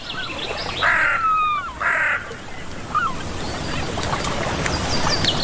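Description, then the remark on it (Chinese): Seagull calls: two loud, harsh, slightly descending squawks about a second apart, then a shorter, fainter cry, over a steady rushing background noise. “海鸥是捕食者，却并非总能占上风。”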